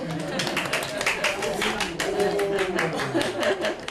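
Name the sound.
people clapping hands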